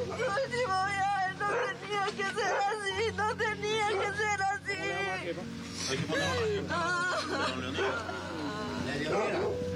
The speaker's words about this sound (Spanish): Bueno, ahí escuchamos el dolor, el llanto de una de sus hijas, compañeros, en estudio principal.